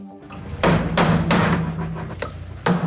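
Loud, sharp hammer blows strike in an uneven rhythm, about five hits over a few seconds, against a steady low rumble of construction site activity in the background, at a construction site in Heimberg near Thun.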